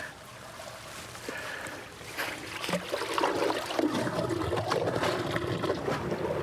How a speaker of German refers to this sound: Ab Oktober beginnt die Zeit des Abfischens. Zunächst wird das Wasser kontrolliert abgelassen. So, jetzt wird das eine Rohr gezogen, das große Rohr raus und das kleine Rohr kommt rein.